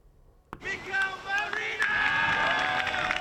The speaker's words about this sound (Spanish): Y así, con esta ovación, ha sido recibido por sus compañeros Mikel Merino, que se ha incorporado a los entrenamientos tras 4 meses lesionado.